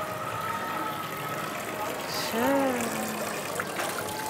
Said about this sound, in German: Der traumhafte Brunnen. Ist es nicht so? Oh, ist der schön.